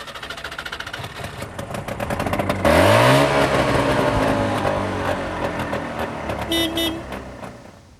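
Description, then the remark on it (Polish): The engine of a car, shown by its owner, idles with a low rumble, then roars as it's revved hard, pitch climbing and holding loud before easing off. A brief higher tone briefly cuts in near the end. “Jak już pan pokazał silnik, to musimy jeszcze usłyszeć, jak on brzmi.”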